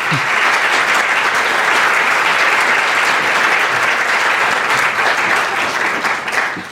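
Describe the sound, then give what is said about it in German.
Loud, sustained audience applause for standing members of an alliance who regularly work in it, dense, steady clapping from a large crowd that holds its level throughout, with no voices standing out. “Dicker Applaus für euch.”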